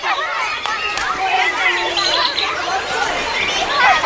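Outdoor park ambience: a steady murmur of many people chatting indistinctly, with lively higher-pitched voices rising and falling throughout and no single speaker standing out.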